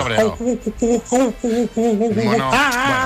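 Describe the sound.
A radio listener voices an angry monkey: a rapid string of short, loud hooting bursts that rises into higher, wavering shrieks at the end.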